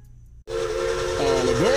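A steam train whistle blows loudly after a brief pause, a sustained hissing tone with steady harmonics that rises in pitch near the end, set against a rumbling, breathy background.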